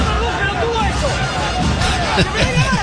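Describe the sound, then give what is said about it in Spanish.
A football stadium crowd shouting over a referee's red-card decision, a dense, continuous roar of many overlapping voices with rising and falling yells, loud and steady for the whole few seconds without any single clear speaker. “Escuchamos los gritos, ahí está.”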